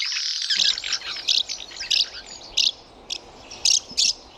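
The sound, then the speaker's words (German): House martins twitter in a dense, busy chorus of rapid chirps, broken by several sharper, louder bursts at irregular intervals, and no one speaks. “Die Mehlschwalbe ist der Vogel des Jahres.”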